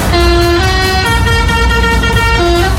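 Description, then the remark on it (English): A loud lorry horn plays a short musical tune, a run of sustained, brassy notes stepping up and down in pitch over a low engine rumble, as a fair lorry pulls into Walton Street. “It's the week whole fair comes to town, and as the lorries were pulling into Walton Street, one of them pressed their horn and made this noise.”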